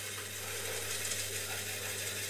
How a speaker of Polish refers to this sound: O, to jest taśma, która lata tak po mikrofonie.